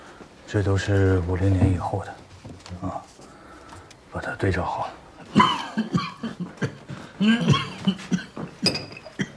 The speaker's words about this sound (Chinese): 没事儿，最近老咳嗽。